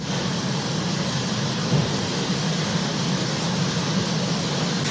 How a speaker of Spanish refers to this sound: Agua con granizo está cayendo, vean, con hielo. Por tanto, en algunos municipios de Costa Chica y parte de la montaña, las lluvias han sido aisladas, registrándose principalmente en Azoyú, San Luis Acatlán, Igualapa y Juchitán.